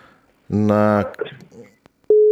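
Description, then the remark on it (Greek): A telephone busy tone cuts in abruptly near the end as a phone call's line drops completely after poor signal, a loud steady electronic tone that follows a moment of voice and scattered line noise. “Έπεσε τελείως η γραμμή.”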